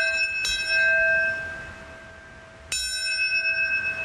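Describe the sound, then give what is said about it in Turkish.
A large bell strikes twice, a couple of seconds apart, at a memorial ceremony in the United States for those killed in the September 11 attacks. Each clang leaves bright, humming overtones that hang and slowly fade. No voices, just the resonant tolling against a quiet background. “Çanlar, sirenler çaldı.”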